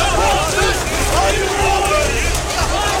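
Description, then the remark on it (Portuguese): A loud, dense crowd of May Day protesters in Istanbul, Turkey, blocked by police from the main square, fills the scene with overlapping voices and shouting, a steady roar of many people with no single speaker standing out. “Em Istambul, na Turquia, a polícia bloqueou o acesso de manifestantes à praça principal.”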